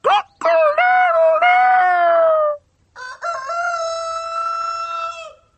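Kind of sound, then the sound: bird, rooster crowing cock-a-doodle-doo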